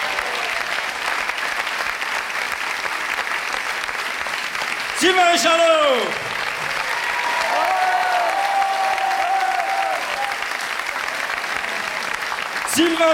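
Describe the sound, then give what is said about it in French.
Sustained audience applause, a dense crackle of many hands clapping with crowd cheers rising around the middle, while an announcer's voice calls out over it, welcoming a young performer to the stage. “C'est pourquoi je vais vous demander de l'accueillir, mais surtout de l'encourager, sous un tonnerre d'applaudissements, mesdames et messieurs,”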